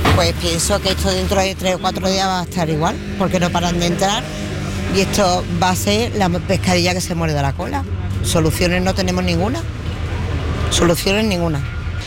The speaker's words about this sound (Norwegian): Med politieskorte ble busser med migranter sendt i retning grensa. Migranter forlater nå Ceuta over grensen til Marokko, og det skjer etter at politiet har gjort en aksjon i en leir på en strand lenger borte her.